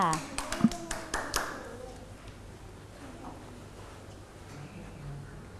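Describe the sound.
Children clap their hands in a brief, uneven burst of a dozen or so nearby claps that dies away after a second and a half, leaving a quiet room with faint voices.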